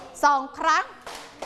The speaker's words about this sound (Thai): สุขสบายดีไหมคะสุขสบายดีไหมปรบมือหนึ่งครั้ง